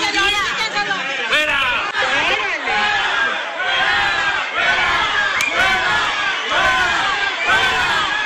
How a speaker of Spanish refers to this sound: Entre jaloneos, gritos y reclamos, la mujer fue sacada del área donde se desarrolló la asamblea, mientras algunos de los asistentes protagonizaron una confrontación verbal.